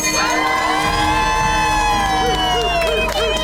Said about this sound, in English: Today is your day, so ring this bell 3 times well. Ring it.